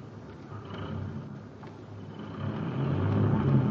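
vehicle, truck engine running

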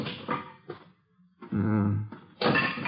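household object, back door being opened

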